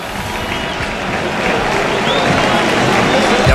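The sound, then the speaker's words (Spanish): A large stadium crowd at a football match in Sevilla applauds Rafinha as he is substituted by Gabriel Jesús, a dense, continuous wash of clapping and cheering that stays loud and steady, swelling slightly partway through. “Es que ahora la gente aplaude a Rafinha, autor de un hat-trick que lleva 9 goles en liga.”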